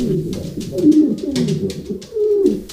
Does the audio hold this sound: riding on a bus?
no